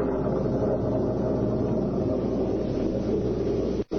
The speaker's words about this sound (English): Soon afterwards, it began to rain. Then a cloudburst hit.